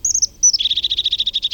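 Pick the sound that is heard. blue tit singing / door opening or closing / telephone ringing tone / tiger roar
blue tit singing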